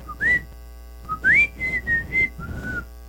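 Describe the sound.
A person whistles a short, bouncy house music melody, several clear notes in quick phrases with slight upward slides and brief gaps between them, over a faint steady background hum.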